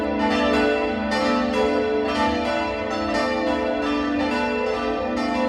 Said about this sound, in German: Der Campanile steht frei neben der Kirche und beherbergt das Glockenquartett, das auch heute erklingt. Das Mittagsläuten aus Hammelburg.